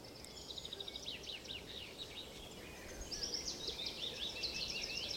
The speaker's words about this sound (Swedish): kan bena ut vad det är för olika fåglar som låter